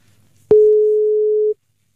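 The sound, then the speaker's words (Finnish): A click, then a single steady telephone line tone holds for about a second before cutting off abruptly; loud, with only a faint low murmur beforehand. “Halo, oliko prinssi Albert puhelimessa?”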